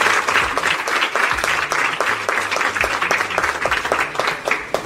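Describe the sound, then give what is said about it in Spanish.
A crowd applauds steadily, many hands clapping in a dense, continuous wash with no voices over it, holding at a fairly loud, even level throughout. “Así que démosle un fuerte aplauso”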